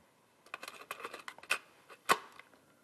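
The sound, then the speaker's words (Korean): A portable cassette player that the speaker once used being handled: a quick run of small plastic clicks and rattles, then two sharper clacks near the end, with no one talking. “제가 쓰던 휴대용 카세트입니다.”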